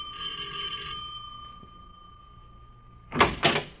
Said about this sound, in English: Well, I'll ring the bell, sir.